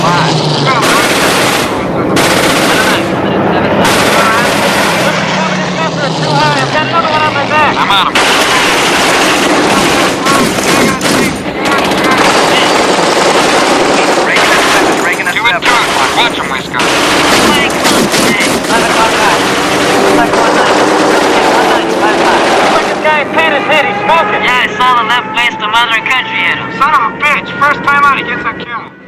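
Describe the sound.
Loud, sustained bursts of machine gun fire from a bomber's ball turret rattle over a constant roaring aircraft engine drone, with shouted voices breaking in between the rapid volleys as the crew fires at attacking fighters.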